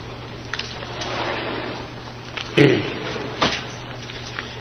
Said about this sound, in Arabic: لا، افتح الباب عشان الأخوان برا يسمعون. افتحوا مرة نهائي.